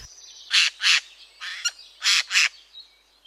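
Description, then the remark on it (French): A Eurasian jay, a member of the crow family, gives about five loud, harsh rasping screeches, mostly in quick pairs, alone with no voices, against a faint steady whistle in the background. “Parlons d'un oiseau aujourd'hui particulièrement commun dans nos forêts, le jet des chênes.”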